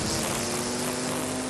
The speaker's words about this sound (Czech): Sekačky sekají.